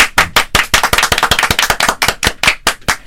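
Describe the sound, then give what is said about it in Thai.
Several people clap their hands together in a quick, uneven burst of sharp claps that continues steadily for a few seconds, with no talking. “ทุกคนปรบมือล้างค่ะ”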